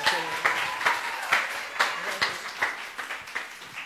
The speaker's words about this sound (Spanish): Pues ahí escuchábamos el aplauso que le dimos